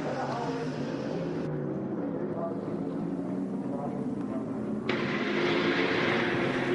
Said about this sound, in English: But the car's just come in. I can let you know once they've changed the tyres.